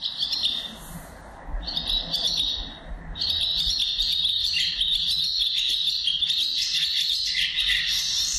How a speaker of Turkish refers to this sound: Bu kırkırlangıcı. Kırkırlangıcının ötüşü. Çekmeli bir sesi var. Yani böyle tersten çalıyormuşsun gibi. Çıkıdık çıkıdık diye devam ediyor.